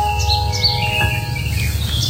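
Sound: birds chirping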